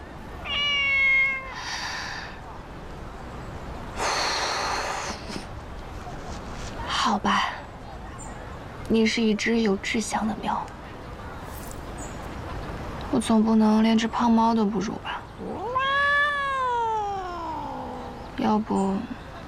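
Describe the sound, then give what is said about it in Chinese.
A fat cat meows repeatedly, a series of clear calls, some short and some drawn-out and wavering, spaced irregularly over a faint background hiss. “你是一只有志向的喵”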